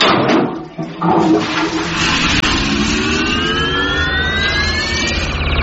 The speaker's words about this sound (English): Gentlemen, raise your seats. We're going to flush the chain on the count of three. All together now. One, two...